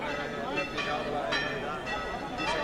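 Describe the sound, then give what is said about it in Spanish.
Church bells peal continuously, strikes landing roughly every half second over a dense, sustained ringing wash at moderate volume. “Y siguen redoblando las campanas.”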